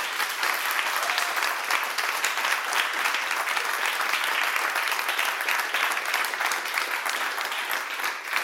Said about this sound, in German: Vielleicht mal einen schönen und herzlichen Applaus für Boris Salegiewicz und Philipp Bubenhofer, die das hier für uns vorbereitet haben.